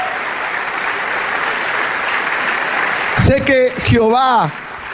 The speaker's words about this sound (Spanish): Vamos a darle ese aplauso.